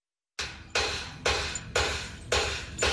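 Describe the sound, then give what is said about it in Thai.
A wooden mallet pounds drum hide in five heavy, evenly spaced blows, each thud loud with a brief fading ring before the next strike, softening the hide evenly while making a drum; no voices. “แต่เดี๋ยวนี้ใช้ค้อนไม้ทุบใช้ทุบไปเลยให้นิ่มเหมือนใบหูเราเนี่ย”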